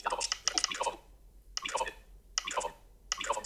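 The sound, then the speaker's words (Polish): Soft, crisp taps on a phone screen come in quick clusters separated by brief pauses, a light clicking with no voices. Someone double-taps a keyboard suggestion to insert a studio microphone emoji. “Stukam dwa razy.”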